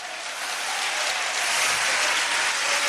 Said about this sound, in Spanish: Y hay fuertes aplausos a Cristo en esta hora.